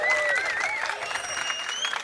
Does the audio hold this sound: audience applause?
yes